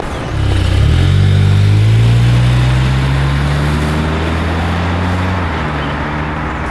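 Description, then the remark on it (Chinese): A car engine kicks to life and revs, its pitch climbing steadily as the vehicle pulls away, a loud continuous hum with no voices. “走走走走，哎，上车， 直接看视频。”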